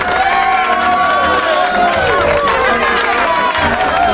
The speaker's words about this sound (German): Unglaublich, dass der immer so viel Applaus kriegt.